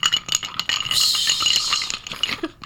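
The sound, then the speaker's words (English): Ice cubes are put into a salt-rimmed glass while a cocktail is being made. They clatter and rattle against the glass in a quick, busy burst of bright clinking taps, steady for a couple of seconds with no talking. “Put some ice in a glass, which has been done.”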